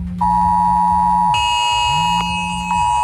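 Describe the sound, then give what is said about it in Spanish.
A loud, continuous emergency alert tone from a mobile phone, a steady harsh multi-pitched blare layered with a low pulsing buzz, with no voices; an alert sent to all mobile phones around the bay during an emergency drill at the port of Santander, Spain, around 11:15 in the morning. “Y esta mañana a algunos les habrá sorprendido esta alarma en sus móviles alrededor de las 11:15 de la mañana.”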